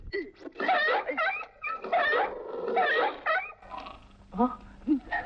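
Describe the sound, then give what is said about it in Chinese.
A dog caught in a rope noose around its neck, baited with an egg, whimpers and yelps in a run of shrill, wavering cries, fairly loud, with short pauses between bursts before a few final sharp yelps, as the rope is pulled to drag it into a house. “糟糕，必是那僧侄闻声找来。小虎拉紧绳子拽狗进屋”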